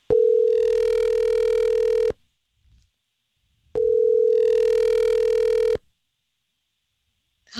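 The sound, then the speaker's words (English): An outgoing phone call to a woman rings twice, each steady electronic ringback tone lasting about two seconds, separated by a pause of silence, loud and clear with no voices. “So we're going to call Lindsay and try to figure out why she might have ghosted on your date.”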